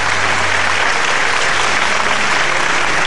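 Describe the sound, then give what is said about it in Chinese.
Steady, dense applause from an audience welcoming guest teachers at a competition, a loud continuous wash of many hands clapping with no break and no voices over it. “让我们再一次以热烈的掌声欢迎各位老师的到来。”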